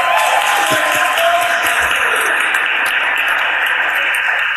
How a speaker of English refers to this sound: Thank you for the hard work you're doing for the Blackhawks of North Philly. Let's give them a round of applause, y'all.